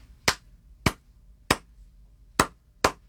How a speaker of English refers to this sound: Well, claves are basically like a rhythmic phrase that is centered around a lot of Latin American music, specifically music from Cuba, because the clave is Cuban.